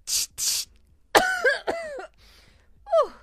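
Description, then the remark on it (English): Two quick breathy hisses mimic a perfume spray, followed by a burst of three or four loud, rough coughs and a final smaller cough, from using too much perfume. “You spray perfume and cough because you use too much.”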